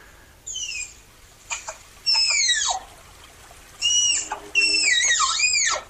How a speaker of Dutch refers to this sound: We hebben ook een geluid van die tapir.